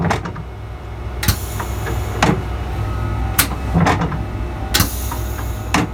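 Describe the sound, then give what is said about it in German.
The mirrors of a VT2E train swing open and shut on compressed air, giving several short, sharp pneumatic hisses and clunks spaced a second or so apart over a steady low engine rumble. “Um den Lokführer etwas zu entlasten, ist der VT2E mit Spiegeln ausgestattet. Diese können mit Druckluft auf- und wieder zugemacht werden.”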